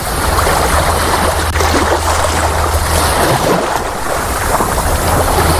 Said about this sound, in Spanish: Bueno, esto que oyes es el mar, es la playa, quizás sea aquí el único lugar donde se puede aguantar de una manera más o menos natural este calor,